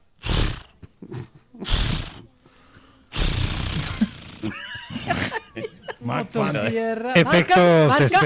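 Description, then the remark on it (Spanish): A voice imitates a chainsaw being started: two short, sputtering pull attempts, then a longer, raspy revving roar, followed by voices laughing and chattering in Spanish. “No, pero estaba sonando bueno el intento de encendido.”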